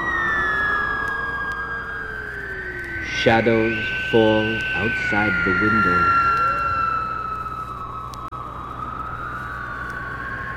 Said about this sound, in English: The wind whistles around the corners of the house.